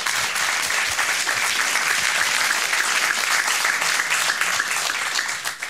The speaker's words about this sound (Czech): Tolik úvodem, Parapleti zatleskejme za to, že vůbec jsou.